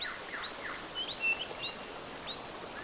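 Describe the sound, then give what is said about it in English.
Several birds in the bush chirp and call in short, high, thin notes as they come in to roost at nightfall, scattered across a quiet outdoor background with faint rustling, with no talking. “It's almost nighttime, so the birds are coming in to roost.”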